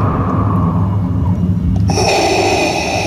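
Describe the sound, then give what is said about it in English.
Loud, heavy breathing of a radio host on the 95.7 WZID morning show in New Hampshire fills the whole stretch with a rough, rumbling rasp, rising into a harsher, hissier exhale partway through. No one speaks. “Sorry, I'm breathing a little heavy today.”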